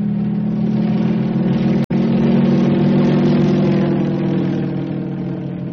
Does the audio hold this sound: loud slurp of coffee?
no